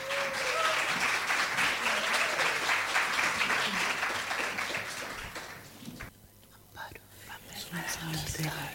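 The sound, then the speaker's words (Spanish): An audience breaks into dense, steady applause to welcome a poet, carrying on loudly for about six seconds, then dies away, leaving faint murmuring voices. “Un gran aplauso, por favor, para recibirla.”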